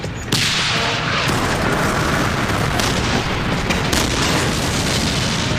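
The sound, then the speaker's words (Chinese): A dense, constant roar of a tank battle between German and Soviet forces at Verkhne-Kumsky: heavy booming explosions rolling into one another, with sharper bursts cutting through a loud, unbroken low rumble, as many tanks are destroyed and burn. No voices are heard. “许多坦克被摧毁了，都在燃烧，到处都是爆炸声，地面都烧焦了。”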